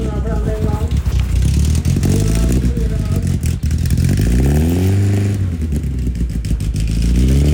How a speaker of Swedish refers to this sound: Folkracebilar i fokus idag då det är stor motorvecka och alltså vilken otrolig stämning och gött folk det.